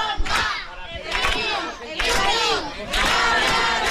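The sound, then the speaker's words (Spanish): A crowd shouts the nickname and name of a winning father together in loud, overlapping bursts, several voices chanting and yelling in waves of about a second each, with raised, strained pitch and a steady roar underneath. “Unos gritan el apodo, otros el nombre y a caray.”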